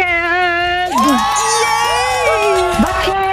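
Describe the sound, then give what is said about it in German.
A caller screams excitedly down the phone line, shouting the name of the place they want to go to, one loud, sustained shout that swoops up and down in pitch for about three seconds, piercing with no other sound around it. “Also ihr schreit uns so richtig schön den Ort ins Ohr, wo ihr hin wollt.”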